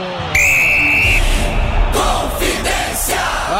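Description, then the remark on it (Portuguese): Referee Flávio Rodrigues de Souza's whistle gives one long, steady, high-pitched blast lasting about a second at kickoff of Cruzeiro versus Atlético, a Copa do Brasil quarterfinal first leg at the Mineirão, over a loud, continuous crowd roar, which keeps surging with shouts after the whistle stops. “Apita pela primeira vez no jogo, Flávio Rodrigues de Souza.”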